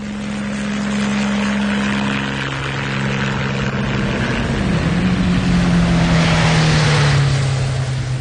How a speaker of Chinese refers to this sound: 直升机压低了高度，全速前进。